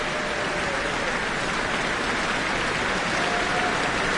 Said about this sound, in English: Cheers and applause from the Auckland Town Hall, the guest conductor, Karl-Heinz Steffens, and the Auckland Philharmonia.